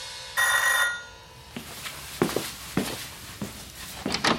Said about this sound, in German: Nach einer Weile klingelte es an der Tür.